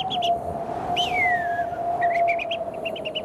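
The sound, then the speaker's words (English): A person whistles an imitation of the bird calls of the dry savannas on an early morning in Darwin: a long steady whistled note runs underneath while quick high chirps and a sliding, descending call come and go, clear, with no talking. “So you've got to work a whistling kite into it.”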